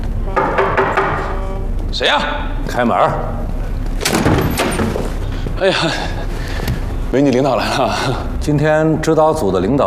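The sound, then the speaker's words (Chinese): Several sharp knocks on a door as visiting officials arrive, landing among overlapping voices, with people talking throughout and the knocks fairly loud against a busy background. “谁呀？开门。”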